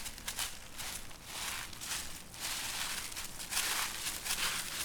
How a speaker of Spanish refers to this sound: Lo que más me gusta del otoño es ver a la gente pisar las hojas secas.